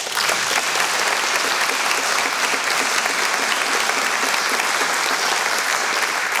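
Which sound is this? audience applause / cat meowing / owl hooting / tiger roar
audience applause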